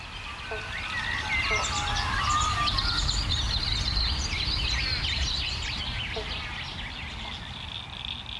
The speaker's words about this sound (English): You can hear the frogs. There's several species calling right now. Banjo frogs or bobble bonks. I used to think it was one frog going bobble bonk, but the males, they'll start off with a bonk, and all the other males try and get as close to that